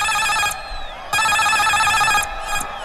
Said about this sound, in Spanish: Alarma de gol.